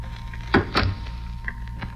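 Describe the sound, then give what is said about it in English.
The side door of a neighbor's garage is pushed open with two quick wooden thumps and a short creak, followed by faint shuffling against a steady low hum. “Side door's open.”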